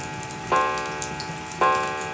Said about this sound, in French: Mais seul le tic-tac de la pendule rythme le repas du soir.